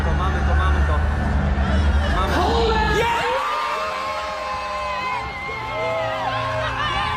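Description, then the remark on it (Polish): A crowd erupts in loud, sustained cheering and excited shouting after results are announced, with many voices whooping and yelling together for several seconds, the noise staying dense throughout. “posłuchajmy wspólnie, jak cieszyła się Alicja Szemplińska, jej otoczenie i my wszyscy po ogłoszeniu rezultatów”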